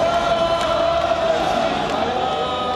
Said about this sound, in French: Une grande fête conclue par des applaudissements et une Marseillaise.